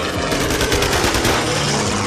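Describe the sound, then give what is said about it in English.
Rapid, sustained machine gun fire from a low-flying B-25 at men in life rafts rattles continuously for about two seconds, a dense loud burst of overlapping shots with no voices. “We heard machine gun firing, and two of us in one raft, and the pilot in the second raft, lashed together.”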